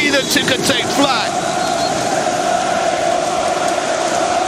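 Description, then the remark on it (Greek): A large crowd of Aris football fans chants their favourite chant, shouted as the match starts: a dense roar of many voices carrying a sustained, droning tone, with sharper shouted bursts in the first second before settling into a steady mass of sound. “Αυτό για όσους δεν γνωρίζουν είναι το αγαπημένο σύνθημα όλων των Αριανών, το οποίο φωνάζουν την ώρα που ξεκινάει το μάτς και γεμίζουν το γήπεδο με χαρτάκια, ρολά, κίτρινα χαρτάκια, άσπρο ρολά κλπ.”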